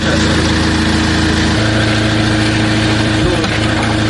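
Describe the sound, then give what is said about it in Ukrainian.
Russian military drones buzz without end over Malotaranivka near Druzhkivka, Ukraine, during an evacuation: a steady, loud motorized whirring drone with a harmonic hum whose pitch shifts down slightly partway through and a brief dip near the end. “Дуже сильно стріляють, безпілотники, без кінця жужжать.”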